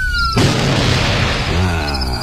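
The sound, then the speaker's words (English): A steady electronic siren tone cuts off abruptly as a single loud shotgun blast bursts in, followed by a sustained rumbling, crackling wash of noise that slowly thins out. “I guess that's what the shotgun's for.”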